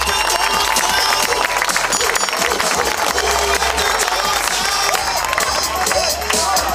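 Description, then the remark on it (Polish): A large arena crowd cheers and applauds the Anwil Włocławek basketball team as it is presented on stage for the season, a dense, loud roar of clapping and shouting that stays steady throughout without letting up. “Wielkie brawa dla nich, moi drodzy.”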